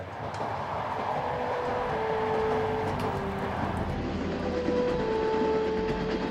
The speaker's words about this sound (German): Der Zug ist nun vor der nächsten berühmten Stadt. Bukhara.